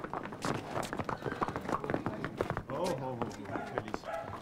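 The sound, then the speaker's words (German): Several young horses' hooves clip-clop in a quick, irregular patter of sharp knocks, with voices talking over the steady clatter. “Immer langsam mit den jungen Pferden.”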